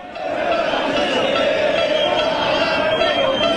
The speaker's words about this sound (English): Dallas, Texas, the World Cup game, and fans from Argentina and some Americans too. It sounded like this. Now imagine you're in this crowd, and it's your name being chanted.